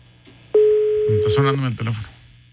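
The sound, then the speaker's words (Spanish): A telephone ringing tone on a call: one steady, mid-pitched beep lasting about a second, loud and clean, with a voice starting to talk over its end and continuing after it stops. “A ver, está sonando el teléfono, a ver si contesta.”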